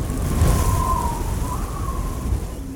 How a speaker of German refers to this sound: Hat es gewittert? Hey, Donnerwetter.